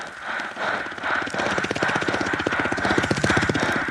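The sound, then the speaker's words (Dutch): A voice imitates a helicopter with a loud, rapid buzzing lip-and-tongue trill, its fast chopping pulses steady for about four seconds and swelling slightly as it goes. “De wentelwiek.”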